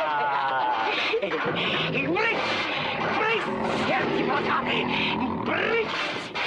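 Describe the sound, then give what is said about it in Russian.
Several tigers surround a cage, growling and roaring in a loud, continuous din, deep snarls and rumbling grunts overlapping without pause, while a man inside the cage runs a large bone along the bars and growls. “Клетку Шулейкина окружили тигры. Он водит по прутьям большой костью, рычит.”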